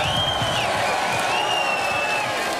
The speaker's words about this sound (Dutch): Nico, herzlichen Glückwunsch, großen Applaus für den Mainzer Bub, Nico Springer.